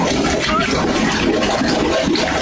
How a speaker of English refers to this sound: And the little plug that goes in there, right, is burgling up. It's coming up and out as a dark-colored liquid is bubbling. Listen. This was the noise we woke up to at 2 o'clock in the morning.